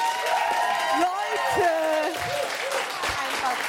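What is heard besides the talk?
audience applause and cheering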